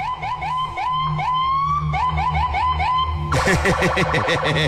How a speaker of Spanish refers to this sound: Ahí te va la patrulla, nada más por eso, carnalito.